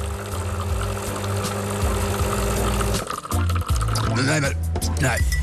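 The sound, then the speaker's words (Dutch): Someone slurps coffee in a series of wet, sucking sips, with liquid noises over a steady low hum and a voice murmuring in the background. “Het is tijd om dat bakje even op te gaan slurpen.”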